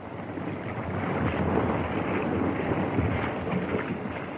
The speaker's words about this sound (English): The water was running away to the south. And then, on one tempestuous night, the North Fork suddenly leaped over its banks and swept into the sheltered valley.